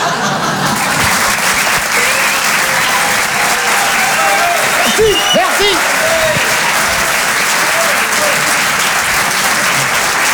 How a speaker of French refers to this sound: On peut les applaudir très très fort, les Glandeurs Nature, en direct sur Rire et Chanson.